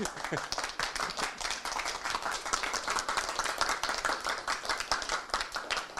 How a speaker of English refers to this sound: That was absolutely beautiful, wasn't it? There's enough people to applaud here.